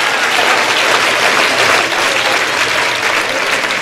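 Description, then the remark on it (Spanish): An audience claps steadily in a dense, sustained burst of applause that holds at a fairly loud, even level throughout, with no voices standing out. “Ay, si usted puede, aplauda, y si no, no.”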